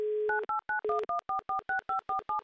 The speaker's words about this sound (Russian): Набрали номер. Надеюсь, Вологда ждет. Эдуард уже поднимает трубку телефона.